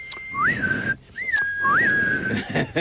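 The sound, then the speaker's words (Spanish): A person whistles two shrill, wavering blasts imitating a police whistle, each a steady high tone with a rising warble, separated by a short pause, loud over background noise. “¿Cómo silban los policías dos?”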